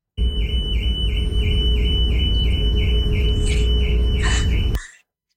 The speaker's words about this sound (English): Regular car alarms? That's a regular car alarm. And not only is it a regular car alarm, it's a regular car alarm on deck 4, which is the deck that was basically empty for the last few days.